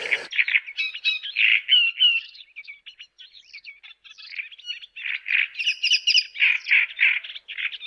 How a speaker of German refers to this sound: Der lauteste ist der Drosselrohrsänger, den kennen Sie wahrscheinlich, den hatten wir ja schon mal, ne? Der so tatsächlich so DJ-mäßig da auftritt.